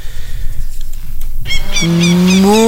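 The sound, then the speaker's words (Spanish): A cow in Uruguay lets out a loud moo, one long drawn-out call that rises in pitch, following a moment of rough background noise. “soy Margarita, la primera y única vaca influencer del Uruguay”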